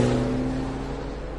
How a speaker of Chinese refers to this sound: 阿成和明堂上了特高客的汽车，阿成开车驶离大街。